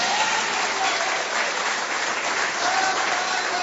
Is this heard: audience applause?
yes